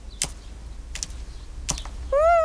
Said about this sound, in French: Le petit oiseau picore quelques graines.